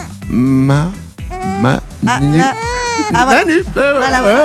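A two-month-old baby cries loudly into a microphone on a bus, in a run of strained, wavering wails separated by brief gasps, with no other sounds around it.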